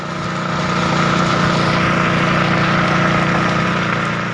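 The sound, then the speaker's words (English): A fire truck engine runs steadily, a loud continuous droning rumble with a low hum and no pauses or speech throughout, as fire trucks keep coming to extinguish burning trees and brush along a road in central Kalimantan. “When she opens her door, the smoke from the burning trees and brush is thick, and the fire trucks extinguishing these fires keep coming.”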